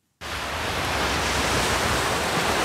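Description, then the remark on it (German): Ocean waves wash onto a palm-lined white sand beach with clear turquoise water in Vanuatu, a small island nation in the South Pacific, in a steady, fairly loud roar of surf that starts abruptly and continues without pause. No voices are heard. “Weiße Sandstrände, glasklares, türkisfarbenes Wasser, palmengesäumte Küsten.”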